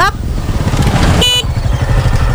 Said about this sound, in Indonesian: Ini motor loh, Kak, bukan mobil.